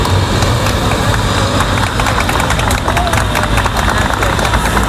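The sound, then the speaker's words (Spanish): Neighbours in Madrid's Carabanchel district clap and murmur outdoors on a Sunday after 4:30 pm, steady scattered applause mixed with street noise and background chatter, fairly loud and continuous, as 14 Spanish passengers from the Ondius ship arrive at the Gómez Ulla Hospital. “Llegaban este domingo, pasadas las 4:30 de la tarde, entre los aplausos de los vecinos del barrio madrileño de Carabanchel, que es donde está ubicado este centro sanitario.”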